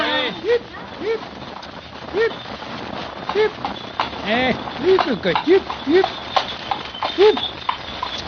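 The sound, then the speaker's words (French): A horse's hooves clip-clop at a steady trot, pulling a milkman's light two-wheeled cart, with recurring short squeaky, creaking tones woven among the hoofbeats throughout. “Monsieur conduisait lui-même la voiture du laitier. La carriole à deux roues était fort propre.”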